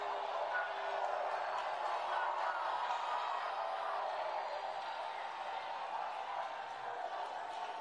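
A large crowd at a rally in Texas booing the President of the United States in one sustained, steady roar of many voices, a dense wash of noise that holds at an even loudness for several seconds with no single voice standing out.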